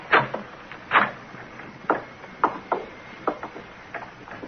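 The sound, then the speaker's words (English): Police try the knob of a room door off a hallway: a doorknob turns and the door opens, heard as a string of sharp, uneven clicks and wooden knocks spread over a few seconds, with no voices. “Try the knob.”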